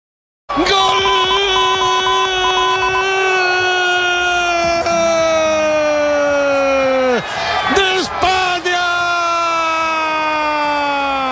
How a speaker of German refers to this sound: Nach dem Abpfiff kannte der Jubel in Spanien natürlich keine Grenzen mehr.